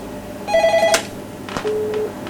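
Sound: telephone ringing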